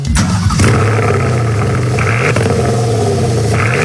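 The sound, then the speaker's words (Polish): A Porsche Panamera engine revs loudly and steadily, a deep throaty roar with harmonics that dip and swell in pitch, played back through a phone with no one talking over it. “Opowiadaj o Panamerze.”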